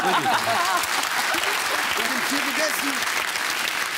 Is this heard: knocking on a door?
no